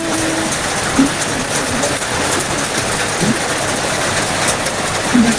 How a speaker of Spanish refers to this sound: Así llueve, amiguita, acá, me dice. No, se pasó, es que ha llovido harto hoy día.